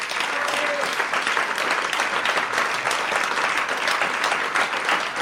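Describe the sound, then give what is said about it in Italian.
Sustained applause from a concert audience for the evening's musicians, during a live radio broadcast by RSI Rete 2; a dense steady crackle of many hands clapping at even loudness for several seconds, with no voices standing out above it. “ma io vorrei veramente fare ancora un applauso a tutti i musicisti di questa sera”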